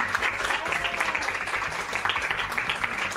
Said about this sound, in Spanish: Y para todos los colaboradores y todas las colaboradoras va este aplauso y este saludo de parte de Fray Rafael Pozo.